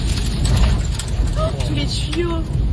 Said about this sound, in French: Vous entendez la force de la mini-tornade, ou plutôt des débris qu'elle projette sur le pare-brise de la voiture.